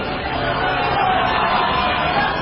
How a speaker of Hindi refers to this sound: गूंज-गूंज की आवाज, लोगों की थप्पड़, चीख पुकार, शोर गुल।